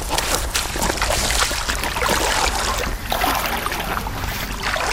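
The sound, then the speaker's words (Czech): Steady sloshing and splashing of water as someone in high rubber boots wades from the town beach at Červená Řečice into the Trnávka water reservoir to take a water sample, with irregular swishing surges over a continuous watery rush and no voices. “vytahuje z modré přenosné ledničky malou prázdnou petlahev a ve vysokých holínkách vstupuje ze břehu městské pláže v Červené Řečici do vodní nádrže Trnávka.”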